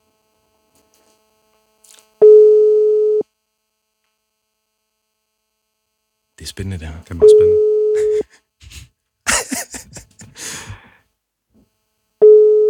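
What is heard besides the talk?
telephone ringback tone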